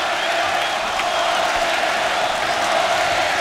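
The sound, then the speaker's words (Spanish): A large bullring crowd roars steadily, a dense wash of cheering, applause and shouts of "torero, torero" that stays loud and unbroken throughout, with no single voice standing out. The whole plaza is full of white handkerchiefs. “La plaza entera llena de pañuelos blancos. Gritos de torero, torero.”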